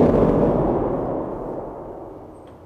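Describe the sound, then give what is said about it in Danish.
A loud, deep thunderous rumble from an organ's large thunder pedal, which presses all 12 lowest pedal keys at once to imitate thunder overhead, booming full before slowly fading over a few seconds, with no voices. “Det kan jo altså også være en torden, der er lige op over.”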